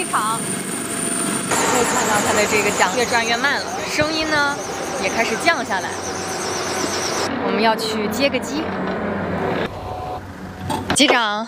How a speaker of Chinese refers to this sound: 现在我身后一架中国海警的直九直升机，刚刚结束了从钓鱼岛及其附属岛屿的这个维权巡航活动，回到了机场。 可以看到它的这个桨越转越慢了，声音呢也开始降下来。